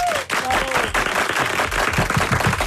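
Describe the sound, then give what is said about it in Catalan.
An audience applauds steadily for a few seconds for an Iberia airline captain, a dense wash of many hands clapping, with a brief whistle cutting through near the start. “Que ja, el primer dubte que tenim, heu aplaudit pel comandant d'Iberia, diguem-ho tot, nascut a Piera, perquè és correcte.”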